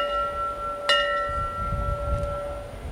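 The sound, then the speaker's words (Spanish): A fire station bell is struck once, sharply, in a remembrance ringing for those who died answering the call, and its bright metallic tone rings on and slowly fades, with a faint second tap near the end over a low background rumble. “The second three rings signify that their duty.”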